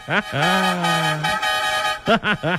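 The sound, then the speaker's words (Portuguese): A vehicle horn honks loudly: a short toot, then a long steady blast, and finally three quick honks in a row, each with a slight bend in pitch. “Chama na buzina, meu mano!”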